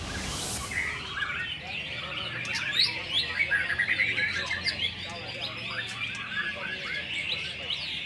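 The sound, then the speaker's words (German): Many songbirds chirp and trill continuously at an open-air songbird singing contest in Singapore, a dense, overlapping chorus of high, rapid tweets that stays lively throughout, with a faint murmur of the birds' owners talking in the shade beneath. “Während die Vögel zwitschern, fachsimpeln die Besitzer im Schatten über die perfekte Technik eines echten Meistersängers.”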